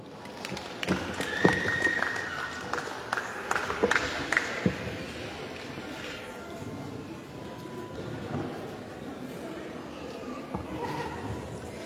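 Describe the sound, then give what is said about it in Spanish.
An audience applauds to welcome the vice-president of the COCANTROP at a 31st anniversary event, with a dense, steady wash of clapping that holds for about twelve seconds, with a few sharper claps and brief cheers rising out of it early on. “Recibimos con fuertes aplausos a la vicepresidenta de la COCANTROP.”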